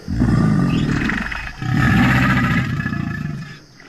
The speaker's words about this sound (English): Gators definitely know how to growl.